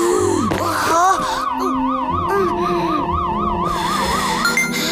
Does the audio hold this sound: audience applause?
no